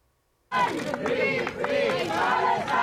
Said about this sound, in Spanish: Al grito de Palestina libre han recibido en Barcelona